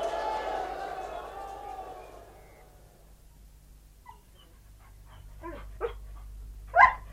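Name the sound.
dog barking and whimpering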